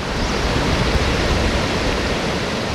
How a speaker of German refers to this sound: Aber wir haben den Wasserfall gar nicht gesehen, obwohl wir ihn dort gehört haben. Das Rauschen konnte man schon hören.